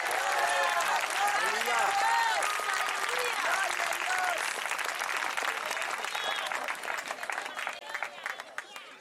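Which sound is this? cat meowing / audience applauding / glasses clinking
audience applauding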